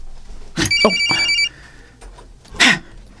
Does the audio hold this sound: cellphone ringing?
yes